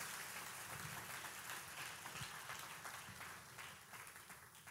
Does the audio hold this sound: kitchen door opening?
no